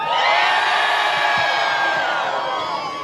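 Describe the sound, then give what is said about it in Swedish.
At a school graduation, a large crowd of people waiting outside, some with umbrellas, cheers and shouts jubilantly back at the graduating students, a dense roar of many voices that stays loud throughout and eases slightly toward the end. “Och alla som stod där ute och väntade, trots att de hade lite paraplyer nu, svarade upp och jublade minst lika högt tillbaka.”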